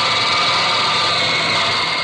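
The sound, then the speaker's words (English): A dense, unbroken din of work on an airplane assembly line in Texas building fighting planes: a loud, steady mechanical roar with a hissy, high-pitched edge and faint whining tones, holding level throughout with no voices. “Sure would like to hear the sound of all the work going on in the plane for X-Factor.”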